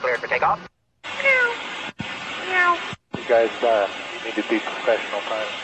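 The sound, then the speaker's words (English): Airline pilots imitate cat meows over a crackly, band-limited aviation radio channel, several drawn-out meows in separate bursts broken by abrupt silent cutoffs, with hissy static throughout. “The meowing pilots. Here they are.”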